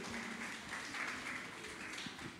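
An audience at a hosted event applauds a guest steadily for a couple of seconds, a dense, even patter of many hands clapping at a moderate, fairly soft level, with faint voices murmuring underneath.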